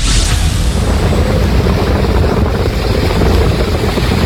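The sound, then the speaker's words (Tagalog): A loud, steady roar of strong rushing floodwater on San Gabriel Road in Barangay Bambanay, San Juan, La Union, during continuous heavy rain brought by Typhoon Maymay, continuous throughout with a heavy low rumble and no voices. “Sa Barangay Bambanay, San Juan, La Union, makikita ang malakas na pagragasa ng tubig sa San Gabriel Road.”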